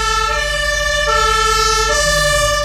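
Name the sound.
emergency siren wailing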